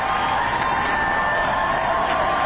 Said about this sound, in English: ICE out, friends. ICE out. Rip them out. And you heard the cheering.